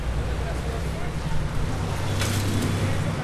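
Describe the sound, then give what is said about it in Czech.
A heavy bus engine rumbles low and steady as it passes along the street, its exhaust polluting the whole street, with a brief rise in hissy noise near the end amid general traffic ambience. “Prolazi autobus koji auspuhom zagadi cijelu ulicu.”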